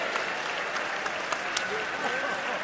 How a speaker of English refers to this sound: Big round of applause for the band and the other artists who are here this evening.